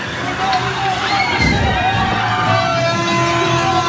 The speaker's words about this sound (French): Ah, il y a de la ferveur, hein, c'est chouette, hein, ça klaxonne à fond les ballons.